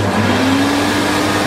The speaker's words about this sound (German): Ja, wenn wir den Staubsauger einschalten, beginnt im Inneren ein Motor zu arbeiten.